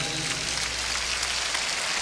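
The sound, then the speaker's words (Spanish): Dense, steady applause from a large crowd for the musicians of the Sinfónica Nacional orchestra, a continuous crackling wash of many hands clapping at even loudness, with no voices over it. “Bueno, voy a pedir un fuerte aplauso a los músicos de la Sinfónica Nacional.”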